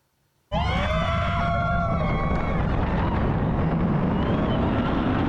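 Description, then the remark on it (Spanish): A sudden burst of many people screaming together on a roller coaster over a loud roaring rush; the screams are strongest at first and blend into the continuous rumble. “Gritos, adrenalina y mucha diversión son los principales ingredientes de una montaña rusa.”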